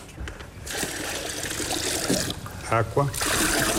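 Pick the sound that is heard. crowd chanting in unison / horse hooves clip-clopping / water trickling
water trickling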